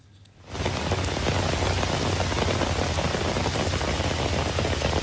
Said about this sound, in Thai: นี่เป็นน้ำป่าที่ไหลหลากลงบริเวณทางหลวงชนบทนะคะจุดนี้เป็นจุดที่อยู่ก่อนถึงหมู่บ้านอีต่องอำเภอทองผาภูมิจังหวัดกาญจนบุรีมีฝนตกหนักต่อเนื่องในพื้นที่หลายวันค่ะ